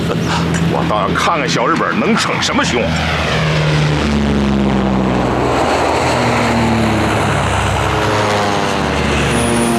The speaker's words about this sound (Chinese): 告诉战士们，注意隐蔽。 飞机来了，注意隐蔽！